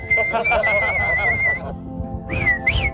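A clear, steady whistled melody carries a rock song intro up front, briefly pausing before a couple of rising whistled notes return, with faint background murmur underneath.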